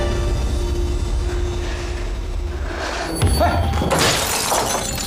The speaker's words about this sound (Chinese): 这样行了吧？你就跟处长说，是我自己砸破玻璃，我自己打保的。